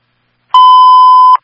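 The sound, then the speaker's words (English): A fire dispatch radio alert tone transmitting Signal 20 for a fire alarm at 6 Maple Lane North: one loud, steady electronic beep lasting under a second, with clicks at its abrupt start and cutoff and no voices around it. “Signal 20 is being transmitted for the fire alarm, 6 Maple Lane North.”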